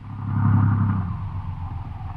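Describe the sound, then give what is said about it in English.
The engine of a stalled car sitting in deep ruts churns and strains as it tries to turn over, a low rough rumble with uneven pulsing that fades slightly without catching. No voices are heard. “Maybe the car will start.”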